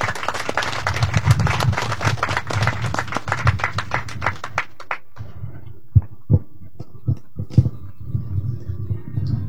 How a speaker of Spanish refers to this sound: damos fuertes palmas a nuestro alcalde, el señor Fernando Camargo Guaina, por favor.